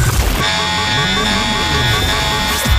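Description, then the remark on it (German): A radio station's "Open Air Alarm" festival jingle, played on the morning show Wachmacher: a loud, sustained horn-like alarm tone with bright, steady harmonics, held for a little over two seconds after a brief noisy burst at the start. “Der FMI's Open Air Alarm. Ja, da jetzt nur ein Beispiel.”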